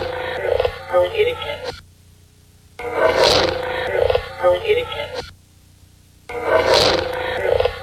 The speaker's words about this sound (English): Again, with a little of the low end missing, it's a little harder to tell about the growling, but some kind of deeper noise, obviously, and then it sounds like a female voice, but I don't know what it's saying.